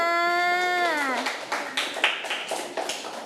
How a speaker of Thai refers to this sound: เก่งมากเด็กๆปรบมือให้เพื่อนค่ะ